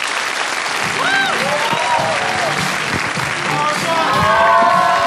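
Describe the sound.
An audience at an event claps steadily for several seconds to welcome the next speaker. The applause is a dense, loud wash that swells slightly toward the end, with a few voices calling out over it.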